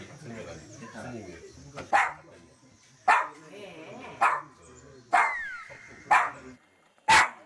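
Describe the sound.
A dog named Banya at a Buddhist temple on Bukhansan barks loudly and sharply at visitors, as if guarding the temple hall, about six barks spaced roughly a second apart, with people talking underneath between the barks.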